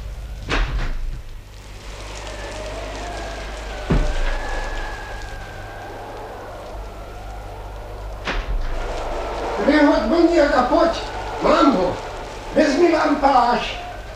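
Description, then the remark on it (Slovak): A steady hiss of rain in stormy weather runs throughout over a low rumble, with a few dull thuds. Toward the end, voices talk over the downpour. “Bože môj, pes, úďa maličké, kto len mohol nechať psa vonku v takomto nečase?”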